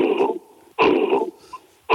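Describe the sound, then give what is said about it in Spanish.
A man's voice imitates an angry gorilla's cough: three loud, harsh, guttural bursts, each short and explosive, separated by brief pauses, with no speech in between. “O sea, los gorilas te hacen una tos, te hacen...”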